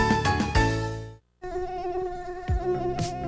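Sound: aedes aegypti mosquito buzzing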